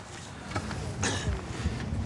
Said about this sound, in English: Okay, so we're just taking the boat slowly down the bay. A couple of reasons, it just lets the engine warm up, so we're not going from zero to a couple of thousand revs very quickly.